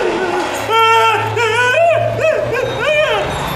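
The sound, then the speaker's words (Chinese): A dog barks and yelps several times in a quick, uneven series, loud, with a steady low hum underneath and no talking. “我跟你说，我可不是吓唬你，这条狗，它可不是普通的狗，它最爱吃的就是人肉。”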